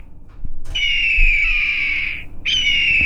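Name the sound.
hawk call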